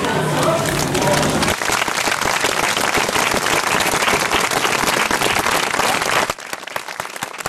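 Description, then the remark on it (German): Open-air theatre audience applause at the Wednesday-evening premiere of the musical «Gotthelfskinder», a dense, steady roar of many hands clapping that follows a brief tonal passage at the start, then drops abruptly to a thinner, quieter patter near the end. “Als erstes von den verschiedenen Freilichttheatern im «Neo Ace» Land haben am Mittwochabend das Freilichtspiel «Mosaik Applaus» bekommen.”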